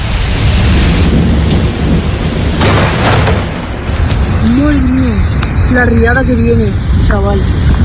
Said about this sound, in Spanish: Madre mía, la que está cayendo, pero el carrer Colón. ¡Qué más! ¡Dios mío! El agua que baja para el ambulatorio.